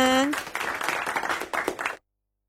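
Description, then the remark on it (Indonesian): A short burst of group clapping by team A at a quiz contest, a dense, uneven patter of many hands lasting under two seconds, opening with a brief rising tone before the claps take over. “Ayo semangat sayang, semangat, tepuk tangan dulu dong. Ayo regu A, tepuk tangannya mana?”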